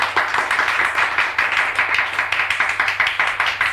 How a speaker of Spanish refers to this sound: Aplausos desganados de todos, menos de los padres del ganador, que se queman las manos de tanto aplaudir a su hijito sabio.